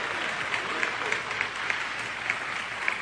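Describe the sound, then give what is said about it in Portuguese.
An audience applauds steadily throughout, a dense wash of many hands clapping at a fairly even level, with a few sharper claps standing out. No one speaks over it. “Então você sabe que palmas não são para homens.”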